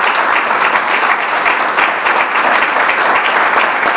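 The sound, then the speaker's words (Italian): An audience applauds steadily, a dense, loud patter of many hands clapping without pause for several seconds, with no voices rising above it. “Allora, intanto ti facciamo un applauso, Grazie.”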